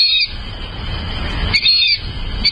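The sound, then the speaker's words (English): Shrill, squeaky whistling calls from a fulvous whistling duck, repeated in short bursts over a low rumbling background, fairly loud, with no voices. “But birders in North America know the word in association with today's featured feathered friend, the fulvous whistling duck.”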